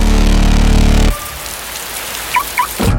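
Steady rain patters on a hard surface, a dense, even hiss of droplets following a loud sustained tone at the start, with two brief chirps near the end.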